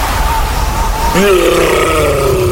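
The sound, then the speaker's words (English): A low, drawn-out monster roar of a Yeti in the fridge starts about a second in and rumbles on steadily with a slightly wavering, groaning pitch, over a constant hiss of background noise. “That's the sound of a Yeti in the fridge.”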